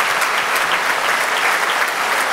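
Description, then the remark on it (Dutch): A large audience at the Maaffestival opening concert applauds horn player Johannes Hinterholzer after Mozart's third horn concerto with Il Pomodoro and Maxim Emilianichev, loudly and steadily, a dense, continuous roar of clapping hands filling the whole stretch without pause or voices. “Het derde horenconcerto van Mozart hier op het openingsconcert van het Maaffestival met Johannes Hinterholzer, de hornist, die een daverend applaus krijgt van het publiek.”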